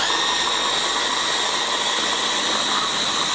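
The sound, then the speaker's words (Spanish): A blender grinds vegetables for a recipe in a steady, loud motorized whir, a dense buzzing hum that holds constant from start to finish with no pauses and no voices. “Ahora el ruido este de la batidora.”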